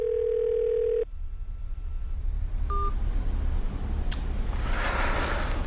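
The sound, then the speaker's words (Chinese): A steady phone dial tone hums for about a second, then cuts off; after a quiet stretch, a couple of short electronic beeps sound. The call to Zhao Hui's mobile phone never connects, and no voice answers. “自从苏建仁离世之后，吴显龙再也没打通过赵辉的手机。”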